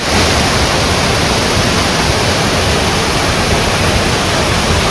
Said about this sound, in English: Those are waterfalls. I drove an hour and 45 minutes about southeast of Nashville and went to a state park where there's waterfalls.